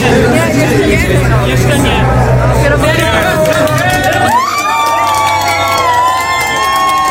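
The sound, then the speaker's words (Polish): The Inter-Europol Competition racing team celebrates its class win in its pit box: a group cheers and shouts excitedly, overlapping voices rising into loud, sustained whoops over a steady low hum, with no pauses throughout. “Tak się cieszono ze zwycięstwa”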